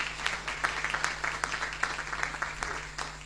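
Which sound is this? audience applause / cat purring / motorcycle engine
audience applause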